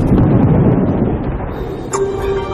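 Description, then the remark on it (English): Loud, deep thunder from an electric storm reverberates continuously around an airport as darkness falls, a dense low rumble that fills the whole stretch. Near the end a steady mechanical whine rises faintly above it. “As soon as it gets dark, thunder begins to reverberate around the airport.”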